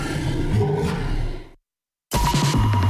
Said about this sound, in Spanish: Y recuerda, si algo ruge, corre.